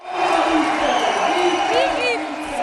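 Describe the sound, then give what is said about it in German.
A large crowd in a gym in Bar, canton Zug, Switzerland, claps and cheers in a steady, loud roar at a village reception for Olympic champion McMahon, with shouted voices and a couple of shrill whoops rising briefly near the end. “Ja, also ich muss sagen, das ist vom Applaus und von den Leuten her noch viel gigantischer, als ich das in Zeit erlebt habe.”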